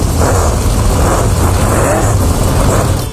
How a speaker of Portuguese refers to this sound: Rapaz do céu, você deu um trato danado aí no seu foguetinho aí, rapaz. O ronco do motor tá uma maravilha, viu,